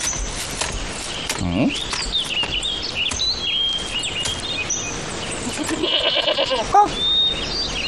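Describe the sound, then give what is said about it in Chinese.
Three goats being led bleat a few times, each call a quavering, nasal cry, the clearest ones early on and again near the end, over a busy, continuous background with faint high chirps. “你不赶快来见老孙，还牵着三只羊玩，想找打吗？”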